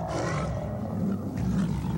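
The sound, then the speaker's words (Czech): A green twelve-headed dragon roars as it rises from the waves of a lake: a deep, rumbling growl that stays loud and continuous for two seconds, with a rough, churning texture and no voices. “Když tu se začal zvedat vítr, stromy se začaly ohýbat, mezi skalami zahřmělo, z jezera se vyvalily vlny jako na moři a z vln se vynořila zelená obluda s 12 hlavami.”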